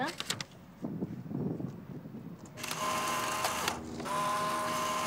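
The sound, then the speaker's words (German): A few sharp clicks from a film camera that has run out of film at the start, followed by a loud, steady mechanical whirring and buzzing that runs to the end, like a motor driving film or ejecting a print. “Die Kamera ist kaputt.”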